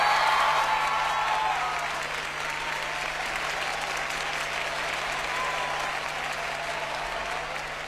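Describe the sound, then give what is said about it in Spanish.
A concert audience applauds the musicians steadily, a dense wash of clapping that stays loud throughout, swelling slightly at the start and easing a little toward the end, with no talking over it. “Un aplauso para mis músicos, por favor.”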